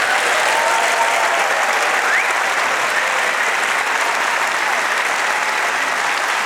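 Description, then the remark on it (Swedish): Sustained applause from a large audience at Stadsteatern's main stage for Sveriges Radio's Middle East correspondents, a dense steady clatter of clapping that holds at an even, loud level for several seconds without a break. “Stor applåd för radiokorrespondenterna Mellanöstern.”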